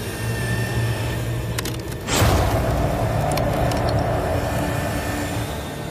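A hydraulic tool built to match a megalodon's bite force hums steadily. A single sharp crack bursts out as it crushes a cow bone, splitting it in two, followed by a louder, continuing mechanical rumble. No voices.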